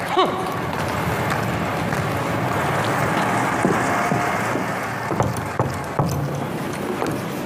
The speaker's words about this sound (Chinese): 听见没有？多么正常不过的敲门。